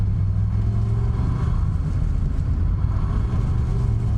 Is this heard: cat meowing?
no